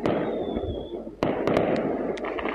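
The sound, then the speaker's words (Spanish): Fireworks crackle and pop and bursts of gunfire ring out at night in Quilicura amid barricades, against a dense, noisy backdrop, with a whistling streak early on and a sharp bang at about a second in, followed by several quick, scattered bursts. “Fuegos artificiales, ráfagas de disparos y barricadas fue lo que tuvieron que soportar los vecinos de Quilicura durante gran parte de la noche.”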